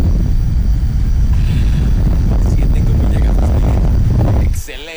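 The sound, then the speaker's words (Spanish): An electric fan blows with a loud, steady whooshing roar and a heavy low rumble, holding constant for several seconds before cutting off abruptly. “Aquí está nuestro superventilador.”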